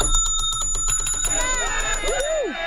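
A bright bell rings rapidly and insistently for over a second for a correct trivia answer, its fast repeated strikes sustaining high metallic tones, then gives way to sliding, warbling tones that rise and fall.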